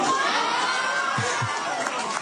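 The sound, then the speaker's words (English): A crowd of children cheers and shouts continuously as a boy recites a football team's game results, a dense, loud wash of excited voices with a few higher whoops standing out, sustained across the whole moment. “All the kids cheering him on.”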